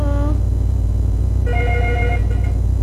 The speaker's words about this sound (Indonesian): Sudah ada telepon lagi kah, …? Iya, itu bunyi. Terima dulu ya.